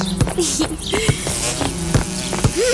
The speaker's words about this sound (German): Habt ihr gesehen, dass unser Insektenhotel immer voller wird? Aha, es brummt und summt wie verrückt vor dem Hotel.